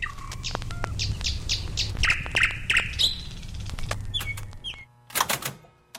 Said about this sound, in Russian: Ну вот, к моей радости, к большой, соловьи прилетели на второй год. И на второй, и на третий год. И вот весной к нам приходят со всех концов Москвы, приезжают сюда, в Кузьминский парк, чтобы послушать этих соловьев.